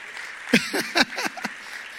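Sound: applause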